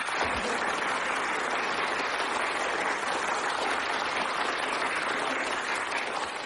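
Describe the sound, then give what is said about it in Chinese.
Sustained applause from a sizable group clapping on cue while being recorded on a tape recorder: a dense, steady wash of many hands clapping at once, loud throughout with no talking. “长时间鼓掌”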